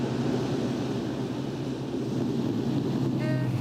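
tractor driving past

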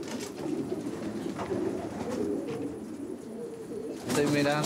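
pigeons cooing

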